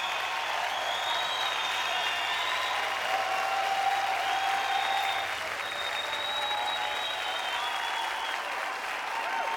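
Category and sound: crowd, stadium crowd applauding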